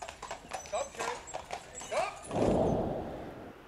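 Hooves clip-clop in a steady rhythm on a hard surface, then a horse lets out a loud, drawn-out neigh toward the end.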